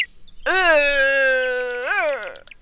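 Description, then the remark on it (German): A red deer stag lets out one long, moaning roar lasting about two seconds, loud and tonal, with a brief upward swell near the end before it drops away. No voices. “Und röhrend klingt etwa so.”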